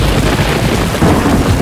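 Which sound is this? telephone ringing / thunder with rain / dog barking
thunder with rain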